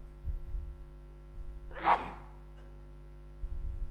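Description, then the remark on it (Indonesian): A single sharp sneeze bursts out near the middle, fairly loud, amid a low steady hum and faint background rumble. “Alhamdulillah. Yahdikumullah.”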